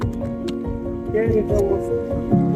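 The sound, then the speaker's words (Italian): Ice-cold water pours and sloshes while fresh soft butter is squished and worked by hand in Corleto Monforte, Italy, the water added to float the butter to the surface; wet dripping and squelching sounds run steadily under a person talking. “Quando questa qui poi si è incominciata ad asciugare, aggiungiamo acqua che la facciamo affiorare sopra, facciamo affiorare il burro.”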